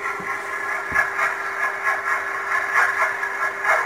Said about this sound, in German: Das ist ein Überwasserdampfer, ein Containerschiff. Aha. Wenn die Schraube so ein bisschen ins Wasser reinschlägt.